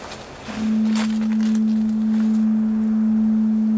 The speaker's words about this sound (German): Das Nebelhorn.